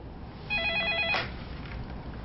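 A telephone rings once with a short, warbling electronic trill, fairly clear, ending in a soft click, over faint steady background hiss.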